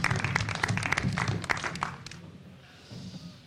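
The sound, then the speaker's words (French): A burst of applause from a group at an auction, dense overlapping claps for about two seconds, then quickly thinning out and fading into quiet murmuring background noise. “Oui, on peut l'applaudir.”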